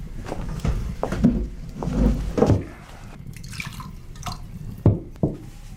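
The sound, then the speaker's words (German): Wine being poured into cups, heard as a run of short splashes and drips with brief pauses between them, quiet and with no voices. “Setzt euch an den Ofen. Der Wein kommt gleich.”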